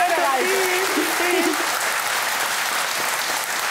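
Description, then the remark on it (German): Steady, loud audience applause fills the whole stretch, a dense wash of clapping hands; a brief voice calls out over it near the start. “Alles Gute, der Applaus zu Ihnen.”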